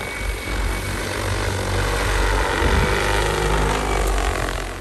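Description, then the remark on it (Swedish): A steady, loud whirring drone of spinning propellers from an agricultural drone in flight, sustained without pause for several seconds with no voices. “Bernt Johansson som driver gästgivars gård i Emkarby ser flera fördelar med att använda drönare inom jordbruket.”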